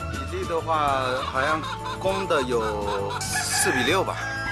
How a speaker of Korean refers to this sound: 이곳에서 자라는 귀비닭은 총 2,000마리 정도.